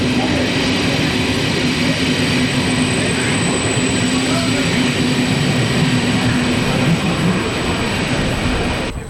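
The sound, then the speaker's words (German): Loud, steady rumble of a train running through Konstanz railway station, with a sustained tonal hum and hiss filling the scene throughout; a voice is faintly audible in the background. “Ich bin hier in Konstanz am Bahnhof und nur 5 Minuten zu Fuß von hier entfernt ist der Grenzübergang in die Schweiz, in die Nachbarstadt Kreuzlingen.”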